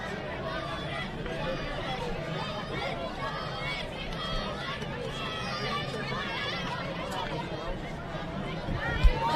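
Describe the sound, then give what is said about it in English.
A large crowd of fans cheers steadily for the Cal Golden Bears at a baseball game, a dense wash of many voices and shouts holding at an even level throughout, with a brief louder burst near the end. “Fans in attendance cheering on the Cal Golden Bears as Roach decides to step off the mound and give himself a chance to reset a little bit.”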